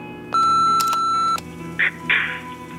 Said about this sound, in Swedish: Vi kan inte ta telefonen just nu, men lämna ett meddelande eller beställ din pizza efter pipet.